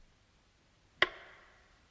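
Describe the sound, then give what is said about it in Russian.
A single sharp clock tick sounds once in near silence, a crisp click followed by a brief ringing decay. No voices accompany it. “Совсем остановились стрелки. Только тиканье напоминало, что время идет.”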